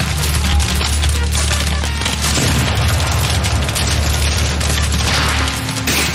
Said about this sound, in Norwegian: De hører kanoner, men har ingen kanoner å svare med.